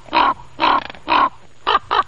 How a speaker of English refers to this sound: The difference between the crow voice and the raven voice. Ravens, they make those wonderful hollow kind of quirking sounds.